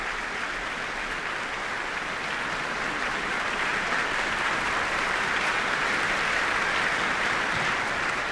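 An audience applauds steadily for about eight seconds, a dense, continuous wash of clapping that holds an even loudness throughout, with no voices standing out.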